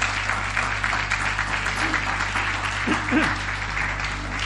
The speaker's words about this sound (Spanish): ¿Quieres darle un aplauso al Señor? Dan un aplauso a la palabra del Señor.